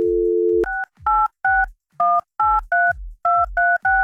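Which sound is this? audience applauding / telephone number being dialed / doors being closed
telephone number being dialed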